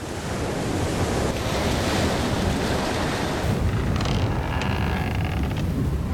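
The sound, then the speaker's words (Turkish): A steady roar of open-sea waves churning and washing, mixed with gusty wind buffeting the microphone, continuous with no voices, heard from a boat 548 metres off Snake Island (Yılan adası) at 19:18 as a storm approaches fast. “Saat 19.18. Yılan adasının 548 metre açığı.”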